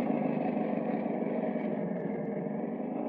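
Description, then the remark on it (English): A car engine runs as the car approaches slowly, with a steady, low rumbling drone that holds at an even loudness for about three seconds, with no voices. “Then, through a crack in the garage door, Bright saw a car approach.”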